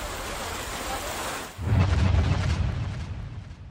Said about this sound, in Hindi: कुलगाम ही नहीं, बांदीपोरा में भी भारी बारिश के चलते लोगों को काफी परेशानी हुई। लगातार हो रही बारिश से कई इलाकों में पानी भर गया। सड़कें, रिहायशी इलाके और खेत खलिहान सब पानी में डूबे नजर आए।